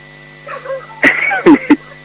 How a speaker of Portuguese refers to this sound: Esse cão é nervoso.